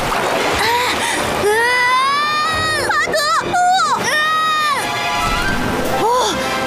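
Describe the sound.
Rushing water from a collapsed dam pours and sloshes steadily throughout, partly masked by several excited, high-pitched voices crying out over it in bursts.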